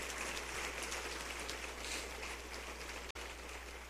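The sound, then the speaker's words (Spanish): An audience applauds for the Lord, many hands clapping as loudly as they can in a dense, continuous wash of sound with no voices, holding an even level throughout apart from a brief dropout near the end. “¿Quiere aplaudirle al Señor? Hágalo lo más fuerte que pueda.”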